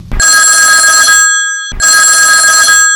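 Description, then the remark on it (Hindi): A telephone rings loudly with a bright, trilling electronic bell, two long bursts separated by a short pause, clear with no one talking; the first incoming call to the Gaon Kar Geet folk song request programme. “तलेगी देर नहीं करती और सुनती आज काकर आई सवे सबले पहली फोन।”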